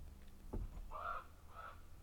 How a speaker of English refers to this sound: If you hear some slight tapping, we're not totally sure of what that is, but we think it might be a raven.